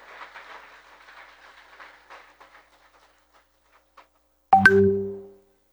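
A crowd at an event in Zamora applauds the users and families of a children's therapy project, the clapping thinning and fading over about three seconds into a few scattered claps, followed by a sudden loud, sustained tonal blast like a horn.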